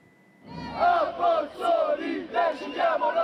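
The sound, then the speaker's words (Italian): Hundreds of evacuees from the Campi Flegrei march in Rome to Palazzo Chigi, chanting and shouting in unison, rhythmic bursts of many voices rising and falling in waves after a brief quiet start, loud and sustained throughout. “In corteo a Roma fino a Palazzo Chigi, centinaia di sfollati dei campi Flegrei che protestano.”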